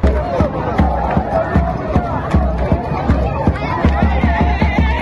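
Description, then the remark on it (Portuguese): Congo football fans in Kinshasa celebrate their team's World Cup opening draw with Portugal, with dense chanting and shouting voices over a steady stream of sharp rhythmic claps or drum hits, loud and continuous throughout. “Essa alegria toda é da torcida do Congo, que empatou na estreia com Portugal.”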